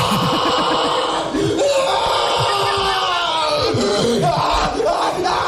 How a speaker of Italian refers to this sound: Abbiamo un audio di uno veniva trapanato con la terapia del sollievo del dolore. Sentiamolo, sentiamo.